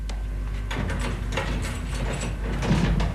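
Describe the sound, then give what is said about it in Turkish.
A door slides and scrapes open with a steady mechanical rumble, several clattering knocks and rattles along the way, fairly loud against a low background hum. “aç şu kapıyı.”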